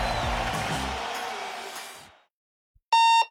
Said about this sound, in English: This is your Hardee's 2 for $5 breakfast mix and match alarm.